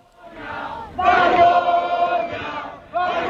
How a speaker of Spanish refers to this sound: Malparidos, vergüenza, es lo que se gritaba en la acampada de Barcelona cuando les comunicaron que Junts iba a votar en contra de los decretos, así sonaba.